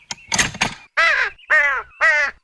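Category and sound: bird, crow cawing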